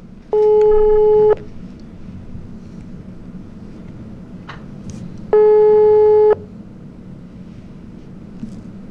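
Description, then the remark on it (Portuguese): A telephone ringing tone sounds on the line as a live radio show calls a listener: two steady, buzzy mid-pitched beeps, each about a second long and spaced four seconds apart, over a low rumbling hiss with no talking. “Vamos ver, chamou, chamou.”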